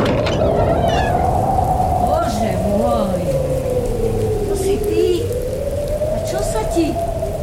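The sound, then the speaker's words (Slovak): Steady, heavy rain pours down in a dense, unbroken hiss, loud throughout, with a long wavering cry, like a cat's meow, drifting over the downpour. “Prší, nevidíš? No áno, prší.”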